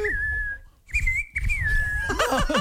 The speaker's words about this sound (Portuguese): Assovi aí, vai. Assovi.